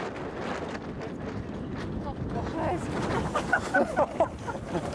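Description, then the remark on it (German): Strong wind of about 22 knots (nearly 50 km/h), up from 15 knots as a dark cloud moves in, buffets the microphone aboard a sailboat, a steady, loud rushing roar over churning water, with muffled voices briefly rising through it toward the end. “Wir sind ja losgefahren bei 15 Knoten Wind und wir haben jetzt gerade 22 Knoten Wind.”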